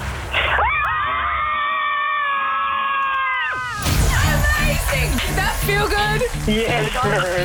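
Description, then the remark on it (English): Several women scream together on a count of three, letting it all out, in a loud, sustained group yell lasting a few seconds, then it breaks into overlapping chatter and laughter. “We are all going to scream together.”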